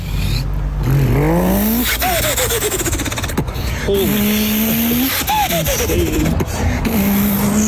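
A car engine revs hard several times in a row, its pitch climbing and dropping with each burst, loud with a gritty, roaring tone throughout.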